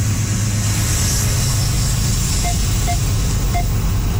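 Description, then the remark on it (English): A heavy CN freight train, one that encountered a fire, rumbles past in a steady, loud, low drone that never lets up, with three short high chirps sounding near the end. No one speaks. “Some of the sound from this CN train that you can find online as well.”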